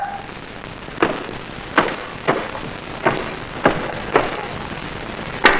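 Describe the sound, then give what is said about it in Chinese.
Heavy, insistent pounding on the door of an inn: seven or eight loud, sharp thuds spaced roughly half a second to a second apart, the final blows coming in a quick double strike, with no voices. “是哪个挨刀的敲门敲得这么凶？”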